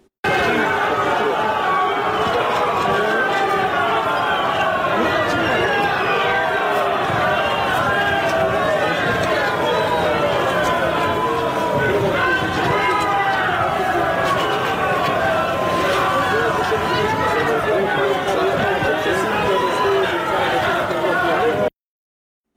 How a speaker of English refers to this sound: And in the last few minutes, a group of people actually booed the president of Romania as he was visiting that site of the drone attack. Have a look.